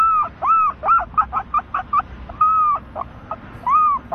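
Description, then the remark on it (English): Someone imitates a Canada goose honking as a bird call standing for the Toronto Raptors, an opponent on the Hawks schedule: a quick, loud run of nasal honks, some drawn out and rising-falling, others short and clipped, repeated with no other talk. “The Canada goose.”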